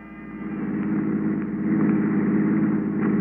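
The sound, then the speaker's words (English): A hired touring car's engine runs steadily with a low, throbbing rumble that swells slightly in the first second and then holds constant, with no voices. “The next morning, I packed my bags and hired a touring car.”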